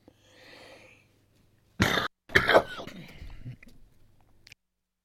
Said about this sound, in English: I'm back, coughing away here. I don't know what's called that. I've got a tingle in my throat.